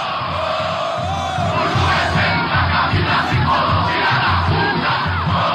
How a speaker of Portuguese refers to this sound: Termina o jogo no estádio Cícero de Souza protesto. Marques, em Bragança. Tem protesto. É isso, Kaique? Exatamente. Torcida cantando nesse momento, Gui.